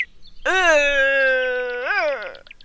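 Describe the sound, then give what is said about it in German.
A red deer stag bellows once in a long, loud rutting call, a harsh droning roar held steady before rising briefly in pitch and sliding down as it fades. “Und Röhren klingt etwa so.”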